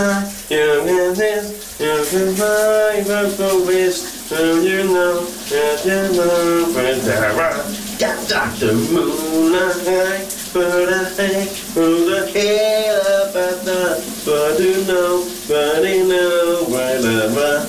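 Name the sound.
shower water running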